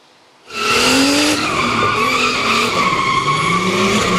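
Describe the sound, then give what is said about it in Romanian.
A tuned car skids loudly with squealing tires while its engine revs hard at a car demonstration in Maramureș, the harsh screech beginning abruptly after a brief silence and sustaining for several seconds. “Motoare turate, cauciucuri încinse și multă adrenalină.”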